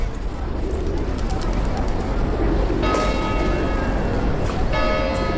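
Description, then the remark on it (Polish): Busy outdoor ambience at Castle Square (Plac Zamkowy), with a steady wash of background noise and faint murmuring voices, pigeons cooing, and bright church bells ringing out twice. “No, jesteśmy na Placu Zamkowym.”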